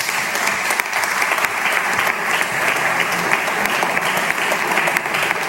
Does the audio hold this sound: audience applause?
yes